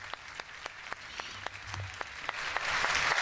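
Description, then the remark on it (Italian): Audience applause at an event with the Pope, for a 33-year-old woman who has just spoken: a dense wash of many hands clapping with some sharper individual claps standing out, steady at first and swelling louder toward the end. “Sentiamo l'applauso, vediamo l'emozione della 33enne, il Papa benedice i figli, scambia qualche parola con lei, le ha donato il rosario”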